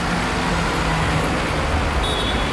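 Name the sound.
road traffic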